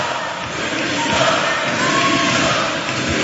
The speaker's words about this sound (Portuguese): No final da votação, com a moção de censura chumbada, todos os deputados do Chega levantaram-se, gritaram demissão, em referência aos pedidos para que Luís Neves saia do governo.